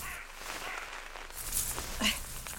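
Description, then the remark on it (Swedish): Outdoors, a foot steps down on a gnawed pine cone, giving a short dry crunch and a second brief crackle over quiet ambient background. “Nu trampade jag på en gnagd kotte bara för det.”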